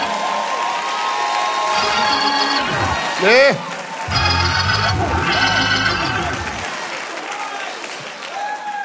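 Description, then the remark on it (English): A church audience claps and shouts together during worship in a sustained, dense wash of applause, with raised voices calling out over it and one short, louder cry rising midway before the noise carries on. “If God had done for you what he did for her, you might be shouting too.”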